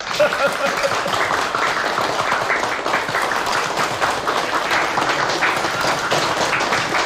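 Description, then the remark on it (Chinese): At a meeting, a crowd applauds steadily for Huang Wenxiu, many hands clapping in a dense, continuous patter that stays loud and even for about seven seconds with no voices standing out. “在这个会议上一定要表扬一下北泥村和黄文秀同志，我们大家为黄文秀同志鼓鼓掌。”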